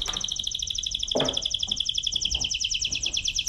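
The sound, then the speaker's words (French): Two canaries twitter continuously in rapid, high-pitched trills that overlap and never pause, steady in loudness, with a few soft thumps and muffled sounds underneath. “À présent va commencer un bruit plus délicat, plus diffus, plus désespérant, dirigé par le gazouille des deux canaris.”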